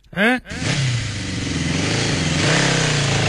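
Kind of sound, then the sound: vehicle, motorcycle engine revving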